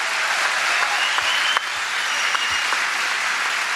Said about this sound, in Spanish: ¡Gloria a Dios! Un aplauso más sentido, vamos.